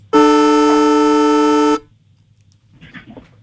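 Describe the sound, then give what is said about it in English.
The old Traeger Park football ground siren blares alone, loud and steady, for about a second and a half with a rich, buzzy harmonic tone, then cuts off abruptly, followed by faint murmuring. “You put the old Traeger Park siren going, mate.”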